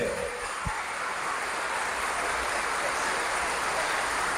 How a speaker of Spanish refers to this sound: Palabra del Señor. Un aplauso a Dios, ¿no se siente? ¡Fuerte!